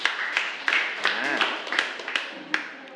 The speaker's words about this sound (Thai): ขอเสียงปรบมือให้กับกลุ่มที่4หน่อยนะครับ